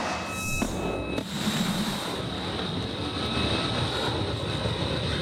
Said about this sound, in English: Now, that was a cruise missile being fired from the deck of the USS Frank E. Peterson Jr. The Arleigh Buick class guided missile destroyer is returning to Hawaii this morning.